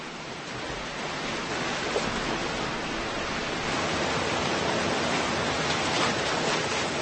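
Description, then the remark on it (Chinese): A steady, dense rush of falling water fills the whole clip, loud, with no breaks or distinct events, like a roaring waterfall; a waterfall that salmon must get over to reach their spawning grounds. “抵达产卵地，它们都必须越过瀑布。”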